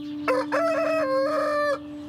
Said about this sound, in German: Am 24.07. hat der Hahn morgens von 5.05 Uhr bis 7 Uhr 98 Mal gekräht. Den Tag später hat er 115 Mal gekräht. Und nochmal einen Tag später morgens um 5 Uhr 121 Mal.